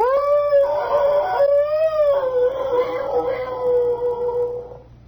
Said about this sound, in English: And once in a while, out in the back there, just beyond the garage where they put the 31 Essex Super Sixes that they drive up there, I can hear... Whoo! By God, it's a timber wolf.